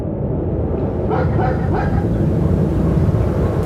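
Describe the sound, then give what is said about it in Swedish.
A few short yelps and whimpers from an ordinary dog from Moscow, being transported to the Russian space base at Baikonur, surface midway, fairly faint, over a loud, steady low rumble like an engine or moving vehicle that fills the whole clip. “var hon en alldeles vanlig hund från Moskva som tillfångatagits och transporterats till den ryska rymdbasen i Baikonur.”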